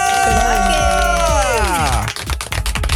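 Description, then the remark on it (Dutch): A loud crowd cheers and screams steadily as a top female singer is announced, high excited voices blending into a dense roar, with a burst of sharp clapping rising through the final second. “Laat je horen”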